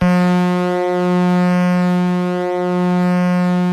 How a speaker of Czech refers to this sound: Jojo, houkání parníku. Bez něho se lodní doprava neobešla. Plavba v mlze nebo špatné viditelnosti, bylo v jejich zájmu dát o sobě vědět a předejít na moři srážce. Zvuky parníků sloužily také ke komunikaci.